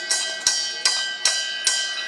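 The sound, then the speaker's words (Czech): A brewery bell beside the brewing kettles, rung to let the cellar know a batch is finished: five quick, evenly spaced strikes, each bright clang ringing on so the tones overlap into a sustained, shimmering peal. No voices. “Historicky oni, tenkrát i naši předkové, neměli žádné spojovací prostředky, takže jediný možný způsob, jak dát ve sklepě vědět, že várka je hotová, bylo zacinkat na zvon a dole ve sklepě už věděli.”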